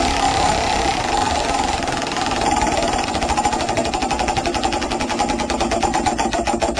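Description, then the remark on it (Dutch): A prize wheel is spun in a quiz game, with a rapid, steady train of mechanical clicks, loud and continuous, the ratcheting rhythm holding fast without slowing to a stop. “Ik ga draaien.”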